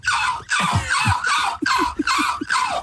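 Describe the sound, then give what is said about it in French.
A human voice imitates a seagull with a series of about six loud, harsh, hoarse squawks in quick, uneven succession, each cry rasping and slightly falling in pitch. “Je vais faire la mouette.”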